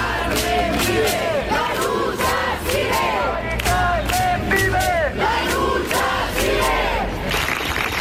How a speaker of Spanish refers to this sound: En la Puerta del Sol, los acampados han guardado un minuto de silencio que ha terminado con un aplauso general